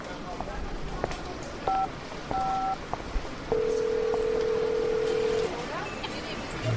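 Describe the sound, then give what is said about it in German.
A mobile phone rings with a few short electronic beeps followed by a longer, warbling tone, fairly clear above a steady background hiss. “Klingt wie Aikos Handy.”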